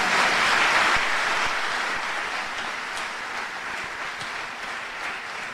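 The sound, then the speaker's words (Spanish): A large audience gives a strong round of applause to Jesus Christ, a dense, steady wash of many hands clapping together that stays strong for several seconds and eases off only slightly toward the end, with no voices over it. “Vamos a dar un fuerte aplauso a Jesucristo.”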